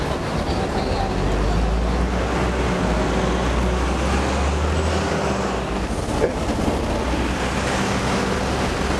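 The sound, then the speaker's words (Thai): A large bus rumbles with a deep, steady engine drone while a pedestrian waits at the roadside to cross the street, surrounded by continuous street traffic noise and some wind buffeting the microphone, loud throughout. “ยืนตรงนี้ใช่ไหมฮะรถบัสใหญ่ใหญ่ไปหน่อย”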